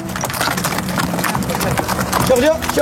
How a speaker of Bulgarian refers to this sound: Редом до нас ни следват и звуците на магаретата, които пренасят тежкия багаж по тесните планински пътеки, минавайки край туристите.